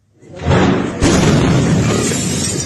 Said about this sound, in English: a powerful blast shook a neighbourhood of Viacha, shattering windows and sending traumatised people scurrying for shelter.